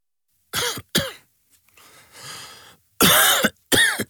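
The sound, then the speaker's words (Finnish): A person coughs sharply twice, draws a raspy breath, then lets out two more harsh, loud coughs. “Hei, älä suotta köhi.”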